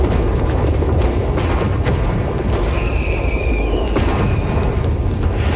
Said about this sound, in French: Et tout d'abord, Montcalm va commencer par envoyer des barques pleines de tonneaux de poudre allumés aux Anglais, mais les mèches vont être mal calibrées et tout va péter beaucoup trop tôt.